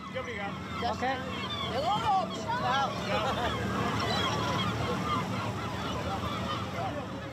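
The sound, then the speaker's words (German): Seagulls call out with loud, rising squawks over a steady murmur of a crowd, the cries clustering early and then thinning into the busy harbor background. “weil immer nur sie von den Möwen getroffen wird.”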